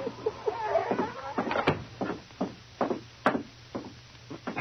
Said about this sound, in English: Well, the door's unlocked, King. Before the Mountie could swing it open, the great dog nudged the door ajar with his nose, then stood at the threshold, whimpering as he looked inside.